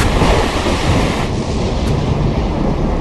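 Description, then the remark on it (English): A loud, unbroken roar of a storm at sea, with wind and heavy surf churning together, heard out on the stern deck of a ship. A low rumble runs beneath it, and no voices are heard. “I connected a tie line around my waist and went out into the storm.”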